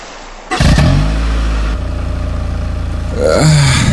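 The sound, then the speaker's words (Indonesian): A motorcycle engine bursts to life and revs loudly in the city of Palu, holding a steady rumbling idle before revving up again as its young rider pulls away to work as an online motorcycle-taxi driver. No one speaks. “Mama, sampai apa suara motor tadi itu?”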